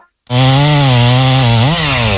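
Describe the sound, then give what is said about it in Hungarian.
A chainsaw roars to life after a brief silence as neighbours cut down the huge pine tree in their own yard, running loud and steady with a buzzing, harmonic-rich engine tone that dips briefly in pitch as it bites into the wood. “A szomszédék spórolni akartak, és maguk kezdték el kivágni az udvarukban lévő óriási fenyőfát.”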